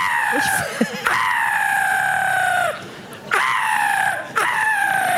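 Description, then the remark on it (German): A voice imitates a black-headed gull with three long, harsh, screeching cries. Each slides slightly downward in pitch, loud and nearly back to back, after a few brief squawks at the start. “Lachmöwe klingt da so ganz anders.”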